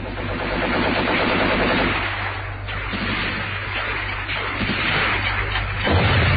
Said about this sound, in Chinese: 现在已是4:40，敌人的炮声越来越近，炮弹在不远的地方爆炸。